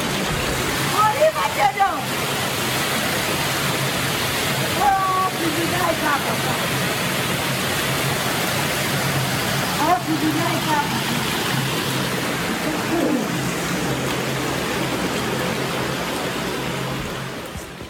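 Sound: rushing floodwater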